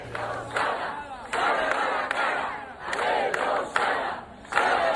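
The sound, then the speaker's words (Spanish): A crowd of about 200 residents of Mos, protesting in front of the government subdelegation in Pontevedra to demand answers to long-standing local demands, chants in loud, rhythmic bursts, many voices shouting together in repeated phrases with brief dips between each call. “Esto gritaban los cerca de 200 vecinos de Mos que se han concentrado hace unos minutos ante la subdelegación del gobierno en Pontevedra para reclamar respuestas a las demandas que el concello y los colectivos vecinales reivindican desde hace años”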